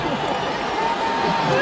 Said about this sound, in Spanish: Abucheada, seguida del grito de fuera, fuera.